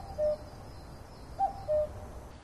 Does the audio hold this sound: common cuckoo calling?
yes